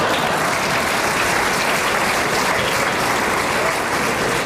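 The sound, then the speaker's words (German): Thunderous applause from a large audience, a dense, steady roar of clapping that stays loud and unbroken throughout, with no voices standing out. “So etwas von donnerndem Applaus gab es in Toggenburg zum ersten Mal.”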